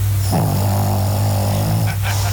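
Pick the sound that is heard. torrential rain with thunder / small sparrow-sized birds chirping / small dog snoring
small dog snoring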